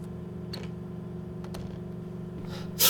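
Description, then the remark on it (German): A house door shuts with a short, sharp thud at the end, after a few faint clicks, over a steady low electrical hum. No one speaks. “Das war die Haustür.”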